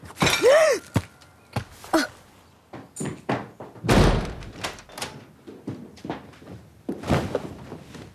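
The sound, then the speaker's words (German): A door slams shut with a heavy, booming bang, followed later by another hard slam, with smaller knocks and thumps scattered in between, all loud. “Mach sofort die Tür auf!”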